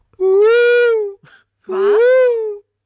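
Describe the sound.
A person imitates a bonobo call with two loud, high, strained hooting wails, each lasting about a second, separated by a brief breathy gasp.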